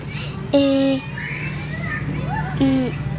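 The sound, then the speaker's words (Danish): Children playing outdoors at a kindergarten in fine weather, back after the summer holiday, with high-pitched shouts and chatter; two loud, sustained calls ring out at the start and near the end over a steady low hum. “de er altså i fuld gang med at lege herude i det skønne vejr.”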